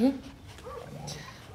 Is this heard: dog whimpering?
yes